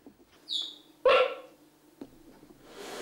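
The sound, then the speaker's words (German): High, bird-like chirps from two young cheetah cubs, a thin descending peep followed by a louder, harsher squeaky call, then a softer click and some faint rustling noise. “Die Piepser der Kleinen klingen wie Vogelstimmen.”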